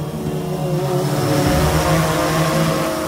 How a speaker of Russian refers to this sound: Вы слышите этот звук? Где-то над сопками движется муравей, грузовой дрон, созданный в Екатеринбурге. Несмотря на свое скромное название, перед нами весьма выносливый и сильный представитель семейства беспилотных доставщиков.